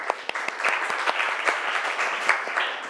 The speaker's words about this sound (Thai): อ่ะกลุ่มไหนคะกลุ่มที่3นะอ่ะก่อนอื่นปรบมือเพื่อนก่อนเร็ว